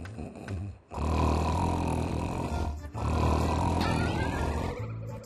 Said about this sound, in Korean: 뭐야? 평소 코골아. 평소 코를 꼬네. 평소 코골아. 우와. 우와. 평소 코 겁나 꼬네.